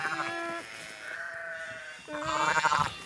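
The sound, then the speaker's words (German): A shepherdess imitates a lamb's calls to lure a ewe that has just given birth: three quavering, bleat-like cries in a row, the last one loudest and most tremulous, with no talking around them. “Mit Lammrufen lockt die Schäferin.”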